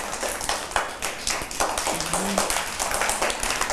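A group of children clap their hands for another child, a dense, uneven patter of claps that fills the whole moment, with a faint voice briefly rising underneath the applause.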